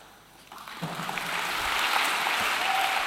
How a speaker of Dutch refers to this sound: Applaus voor Marieke Lucas Rijneveld. Toen nog hartstikke jong, 7 jaar terug. Op 17 september 2016 in Tivoli Vredenburg in Utrecht.